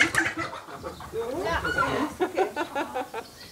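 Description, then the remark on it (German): Several captured hens, being moved into a mobile coop for the chicken meadow, cluck in a busy, overlapping stream of short calls and squawks, with human voices mixed faintly into the background. “Die gefangenen Hennen sollen in einem Mobilstall auf die Hühnerwiese ziehen.”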